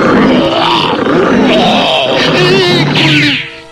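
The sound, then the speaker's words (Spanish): A grizzly bear, 2.4 metres tall and weighing 300 kilograms, roars loudly, a rough, growling bellow that rumbles continuously for a few seconds with guttural grunts before trailing off abruptly. “El terrible oso gris de 2.40 metros de alto y 300 kilogramos de peso.”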